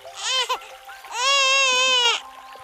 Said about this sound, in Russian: Запутавшись в платье, лежал и плакал ребенок. Ба! Да это моя старуха в младенца превратилась! Младенец закивал головой и еще громче заплакал.